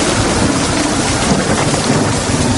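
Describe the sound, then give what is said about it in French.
A violent thunderstorm roars, with heavy rain pouring down and successive gusts of wind rushing in a dense, unbroken wash of noise that stays loud throughout, with no voices. “L'orage éclate, violent, immense. Les rafales de vent se succèdent et courbent sa tige avec une force incroyable.”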